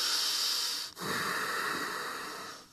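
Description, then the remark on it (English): Loud, hissy breathing as a yoga instructor demonstrates the noisy way not to breathe while holding asanas: one long, noisy breath, a brief pause, then a second airy breath that fades slightly toward the end. No one speaks. “We try not to breathe on this way.”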